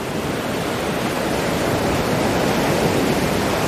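A steady, full roar of ocean surf washing onto the shore, loud and continuous without distinct breaks between waves, and no voices.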